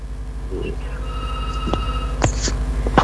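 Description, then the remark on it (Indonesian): A telephone rings with an incoming call, a steady electronic tone that holds for about a second over a low background hum, followed by a few sharp clicks and short bursts. “Kita kembali menerima telepon yang berikut ini. Ini sudah mendaringkan telepon kami.”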